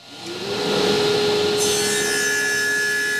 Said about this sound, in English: The sawdust is flying in the Makerspace wood shop when I visit on a Tuesday afternoon.